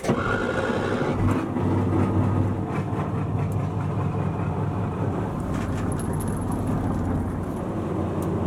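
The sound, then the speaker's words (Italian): The engine of patrol boat Charlie Papa 864 runs steadily and loudly as it casts off its moorings for a search and rescue mission. A deep continuous rumble with a throbbing low drone and a brief rise in intensity near the start. No one speaks. “Mettiamo l'unità in moto in 5 primi e molliamo le ormeggi.”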